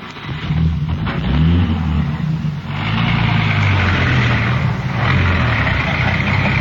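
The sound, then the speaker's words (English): A police radio car's engine rumbles steadily as the vehicle pulls away and drives off, its low motor noise loud throughout, with no voices. “Here's the radio car. Won't take a minute to check your story. All right, get in.”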